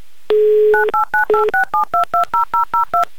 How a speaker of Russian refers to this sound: Так, итак, набираю номер.